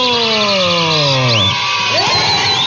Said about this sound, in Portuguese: Palmas pra todo mundo!